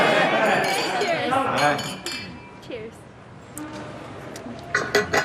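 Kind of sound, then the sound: household object, glasses clinking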